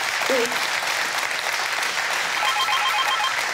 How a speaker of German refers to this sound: Der Applaus geht nach Nienhagen.